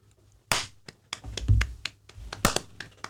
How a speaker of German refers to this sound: Das war ein guter Klatscher.